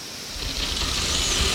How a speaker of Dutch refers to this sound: Dat zijn waarschijnlijk de deinotheriums. Dat zijn hele grote olifantachtigen. En die schrapen met hun onderkaaksslagtanden door de bodem. Ja, je hoort het nu heel goed, hoor je dat geschraap?